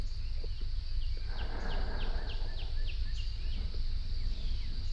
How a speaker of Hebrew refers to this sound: נשים לנו קצת ציוצים של ציפורים, ניכנס לנו לחללית, מי יודע, אולי גם נגיע לגן עדן.